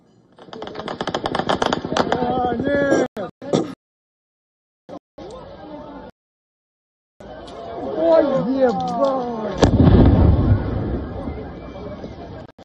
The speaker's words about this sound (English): area near the town of Gelengisk, followed by a loud explosion.